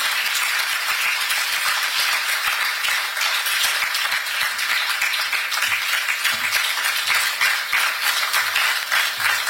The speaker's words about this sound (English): A round of applause for Lawyer Sammy Jemfi. That was our keynote speaker for that awesome delivery.